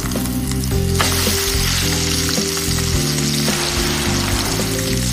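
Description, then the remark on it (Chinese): Loud, steady sizzling of chicken frying in a hot wok, a continuous crackling hiss with occasional scraping stirs, the chicken stir-fried until fragrant for ear-pot chicken (耳朵锅鸡). No one talks, though faint background tones run underneath. “耳朵锅鸡，先将鸡肉煸香盛出，留下底油”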